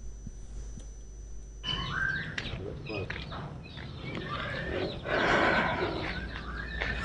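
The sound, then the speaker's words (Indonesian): A white-rumped shama (murai batu) sings in bright, varied whistles and quick trills at a murai batu breeding farm in Lampung, Indonesia. It is loud, over a busy background of voices and other birds. “Baik pemirsa RRI Net, saat ini saya berada di penangkaran sekaligus lokasi perkembangbiakan atau peternakan murai batu Lampung”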